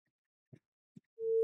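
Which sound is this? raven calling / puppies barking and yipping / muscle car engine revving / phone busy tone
phone busy tone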